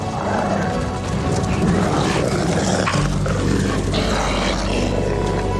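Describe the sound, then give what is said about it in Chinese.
A wolf pack brings down its first prey in a loud, chaotic tangle of snarls, growls and struggling animal cries, with scuffling throughout and a low rumble underneath in the second half. No one speaks. “集体的力量更加强大，狼群顺利捕获了第一只猎物。”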